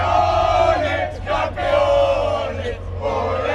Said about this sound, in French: Les supporters qui vont sûrement avoir besoin de petits bonbons au miel, hein, Marie, pour continuer à crier tout à l'heure.